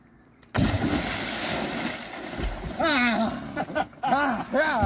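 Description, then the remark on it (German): A loud, sudden splash of a cannonball jump into river water in a side arm near the Altenwörth lock at river kilometre 1978, opening the swimming season, followed by churning, sloshing water, then excited voices calling out over the settling water. “ich eröffnen die Badesaison. Arschbombe, okay!”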